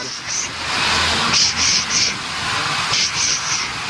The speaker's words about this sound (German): angetrieben auch von einer alten Dampflok, die zischt und zischt. Sie hören's ja hier schon.